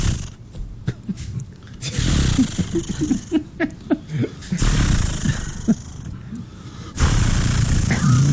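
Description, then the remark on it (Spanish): A person vocally imitates a chainsaw starting up: a run of quick sputtering pulses, then loud, buzzing revs that surge in several long bursts. “¿Cómo es que hace la sierra, …? ¿Una sierra? Dice, primero sí, hay que prender... No, eso es una motosierra.”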